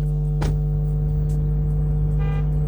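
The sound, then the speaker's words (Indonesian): A parked car's alarm blares on a public street with a steady, loud electronic tone, broken by sharp repeated honks and chirps that recur every second or so, with no one talking. “Itu kayaknya alarm mobil aku deh.”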